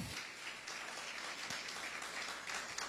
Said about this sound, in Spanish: ¿Cuántos alaban al Cristo de la gloria? Dele fuerte aplauso al Cristo de la gloria, hermano.